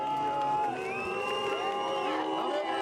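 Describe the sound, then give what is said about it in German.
A large crowd of hundreds of onlookers whistles and boos at Chancellor Friedrich Merz at the CDU campaign stand by the Ferris wheel in Kühlungsborn, with shrill whistles and long jeering calls overlapping in a steady, loud wall of noise that lasts the whole stretch without a break. “Kanzler Friedrich Merz ist einerseits begehrtes Fotoobjekt, aber es gibt auch Pfiffe und Buhrufe.”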